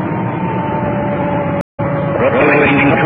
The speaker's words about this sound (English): There's our siren. We just cut it in.